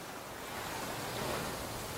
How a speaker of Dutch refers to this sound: Het witte strand, de brede kustlijn en de golven die hard stuk slaan op het zand.